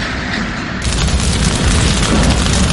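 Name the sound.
drone strike explosion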